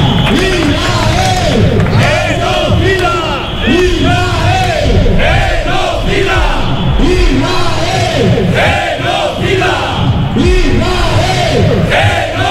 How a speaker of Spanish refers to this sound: Gritos de Israel genocida que se han repetido a lo largo de esas comparecencias o de esas manifestaciones